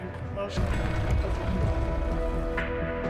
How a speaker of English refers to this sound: How much did it rain last day? I don't know, but it's currently raining, so.